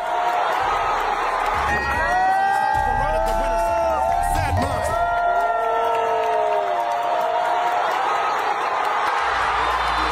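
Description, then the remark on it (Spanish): A large crowd in the stands at a football match cheers and shouts excitedly, applauding a couple's engagement, with overlapping voices, whoops and scattered clapping, a dense, loud roar that holds steady for the whole stretch. “La gente aplaudía por esa celebración y se tuvieron que callar la boca por el empate.”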